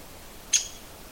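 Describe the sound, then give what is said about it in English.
A single sharp, high-pitched call note from a downy woodpecker, one quick bright 'pik' that rings out clearly and briefly against a quiet, faintly hissing background. “It's their call note.”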